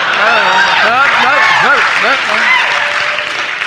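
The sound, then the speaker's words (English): Loud, sustained applause from a large crowd after a performer's impression of President Kennedy's Berlin speech, a dense wash of clapping with whoops and voices rising over it before it starts to fade. “Thank you, but no. I don't do this for applause.”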